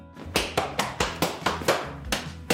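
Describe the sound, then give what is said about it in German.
A quick series of sharp slaps on leather, about nine hits in under three seconds in an uneven dance rhythm, as an 11-year-old boy practises Schuhplattler slapping on his lederhosen in Pfaffenhofen, Bavaria, with no talking. “In seiner Lederhosen übt der 11-jährige Josef Schubladeln”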